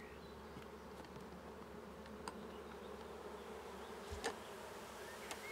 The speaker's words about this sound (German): Wird das Bienenvolk mit fast 20.000 Bienen sein neues Zuhause akzeptieren? Freiwillig in den Korb spazieren?